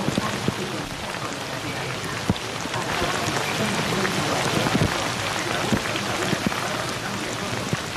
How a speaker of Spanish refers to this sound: el granizo golpeando contra los cristales de aquí de la cabina.